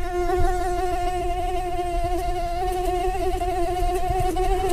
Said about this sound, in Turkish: İnsana sinir bozucu gelen bu ses la notasında ve aslında erkek sivrisinek için dişiden gelen bir aşk şarkısı.